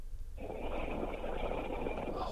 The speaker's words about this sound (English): She's snoring. She's gone to sleep.